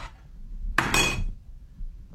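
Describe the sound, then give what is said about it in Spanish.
A plate of food is tossed down onto a table with a loud ceramic clatter, a sharp impact followed by a brief rattling settle, then quiet with faint background rumble. “Cuando llegas a la casa y la mujer te avienta la comida así.”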